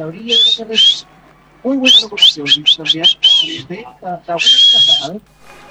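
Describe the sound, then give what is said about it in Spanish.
A person whistles a cattle-calling pattern: two short shrill notes, a quick run of rapid chirpy bursts, then one long sustained whistle, loud, with voice sounds underneath. “Y los vacunos se buscaban así.”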